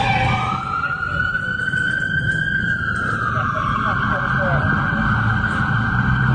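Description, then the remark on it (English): A loud police siren wails, its pitch climbing and then sliding lower as the police car passes, over a constant rumbling roar of traffic. “That might have been a cop car coming that way.”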